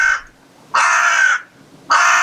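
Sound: crow cawing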